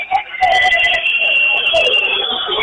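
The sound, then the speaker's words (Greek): Shrill, sustained whistling from a large crowd at a basketball game fills the whole stretch, piercing and loud, with a dense roar of voices underneath and brief sharper whistle bursts layered on top, in the fourth period as Payne prepares for his free throws. “Και αρχίζουν τα σφυρίγματα φυσικά.”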